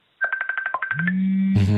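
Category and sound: signal or alarm, mobile phone ringing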